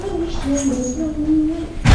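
A door creaks open with a long, wavering squeal from the hinges as someone comes home, ending in a sudden solid thud as it swings against something.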